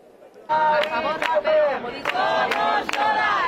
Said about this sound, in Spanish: Esta ha sido la reacción inmediata en Sol nada más conocerse la noticia. Los acampados han coreado una vez más el grito que les había traído hasta aquí hace 12 días.